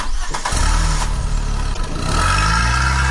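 A car engine cranks and catches after a brief start, then settles into a loud, steady rumble that rises in pitch as it revs, with no voices.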